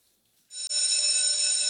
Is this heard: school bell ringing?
yes